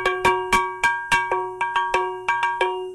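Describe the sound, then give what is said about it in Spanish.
A bell rings in repeated sharp, metallic strikes, about a dozen in three seconds at an uneven, clanging rhythm, each ringing out with bright overtones. No voices are heard. “Vamos a sonar la campana para leer a los malos espíritus.”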